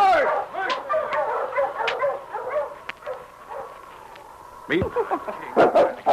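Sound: dog barking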